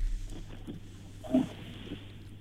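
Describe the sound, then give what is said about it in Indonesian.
A pig gives a short, low grunt, with a few softer snuffling grunts around it, over a steady low background hum. “Maya nyembi itu tadi babi.”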